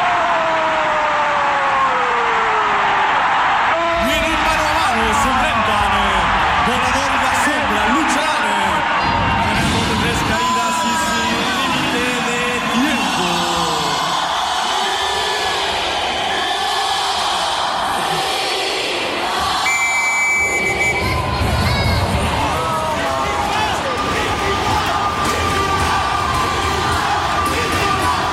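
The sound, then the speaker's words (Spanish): A stadium crowd in Puebla roars and cheers after Luis Enrique shoots and scores a goal, a dense, sustained wall of shouting and whoops with scattered whistles, staying loud for nearly half a minute. “Vamos a ver, aquí viene Luis Enrique, tira. ¡Gol!”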